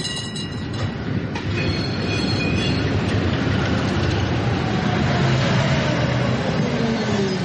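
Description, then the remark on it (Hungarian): Tram wheels screech against the rails with thin, high metallic squeals over a steady, loud rumble of a red tram rolling past at the edge of a forest in the early morning, no voices present. “hirtelen fém csikorgás hallatszik. A fák mögött abból az irányból, ahonnan a fények jönnek, piros villamos tűnik fel, mint valami látomás.”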